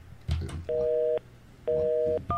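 Telephone tones sound as a radio program in southern Taiwan connects a call to a guest: two steady, dual-pitched electronic beeps of about half a second each, separated by a short gap, then a higher tone begins, after a brief clatter at the start.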